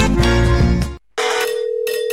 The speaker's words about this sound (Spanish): Imagínate que el 31 de julio de este 2026 suena tu teléfono